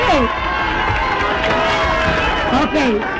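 A large crowd cheers and applauds, a loud, steady roar of clapping mixed with rising and falling shouts and whoops that holds for a few seconds.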